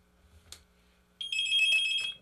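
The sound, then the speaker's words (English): A telephone rings once in a short, shrill electronic burst lasting about a second, fairly loud, preceded by a faint click against a quiet background hum. “I got to hang this phone up before I can do that.”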